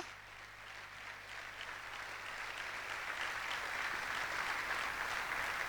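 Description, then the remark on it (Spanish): An audience applauds in a dense, steady wash of clapping that swells slightly and holds for several seconds, with no voices on top. “¡Fuerte el aplauso a Jesucristo!”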